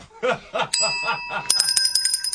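A bell dings once with a lingering ring over a brief stretch of speech, then gets rung in a quick burst of repeated, bright chimes.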